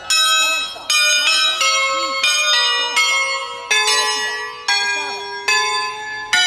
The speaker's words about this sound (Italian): Queste campane sono diventate patrimonio dell'umanità e questo credo che sia un segnale importante che anche da Andorra vuole partire.